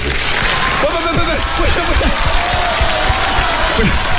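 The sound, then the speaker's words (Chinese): Steady, dense audience applause fills the whole stretch at a fairly loud, even level, with a few scattered voices and shouts rising faintly through the clapping. “你表演一个铁头撞火车，鼓掌。”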